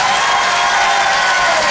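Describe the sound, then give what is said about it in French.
The audience at the Rire et Chanson Comedy Club applauds loudly and steadily as a comedian is welcomed on stage, a dense wash of clapping mixed with cheers and whoops that holds at full strength for the whole stretch, with no one talking over it. “Bonsoir tout le monde, faites du bruit!”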